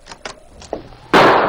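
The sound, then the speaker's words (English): A few soft knocks and clicks of a cabin door opening, then a sudden loud gunshot that bursts across the whole range and rings on briefly. No one speaks. “As the door opened, a shot rang out.”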